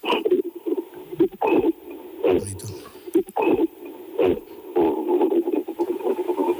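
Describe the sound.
A person imitates the cough gorillas make when angry, producing a string of short, hoarse, throaty bursts in an irregular rhythm, fairly loud, with brief gaps and some breathy noise between them.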